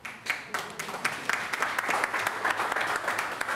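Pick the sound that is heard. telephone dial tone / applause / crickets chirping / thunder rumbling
applause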